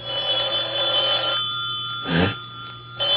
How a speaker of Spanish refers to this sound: Caray, el teléfono.